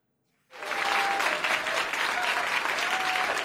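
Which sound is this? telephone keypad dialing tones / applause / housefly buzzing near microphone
applause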